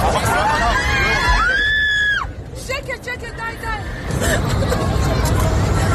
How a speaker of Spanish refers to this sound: Son los gritos del pasaje de un avión que volaba ayer de los Emiratos Árabes a Israel y en el que el segundo piloto apuñaló al primero e intentó sin éxito estrellar el avión con 174 pasajeros a bordo, la mayoría israelíes.